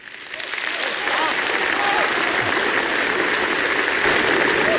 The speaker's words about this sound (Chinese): 你别说，这观众这掌声是一下比刚才热烈，这招确实好用，挺好。